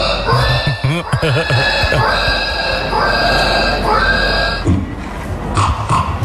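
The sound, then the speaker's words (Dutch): At a pig-imitation contest, several adult men and women standing on a stage imitate squealing pigs, producing loud, overlapping high-pitched squeals and grunts that continue for several seconds, with some rising and falling shrieks. “Dit zijn dus volwassen mensen die op het podium staan om varkens na te doen.”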